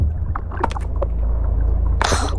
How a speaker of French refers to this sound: Oh, un bruit de moteur au-dessus de nous. Pétard, des pêcheurs, manquait plus que ça. Ils jettent leur filet de pêche.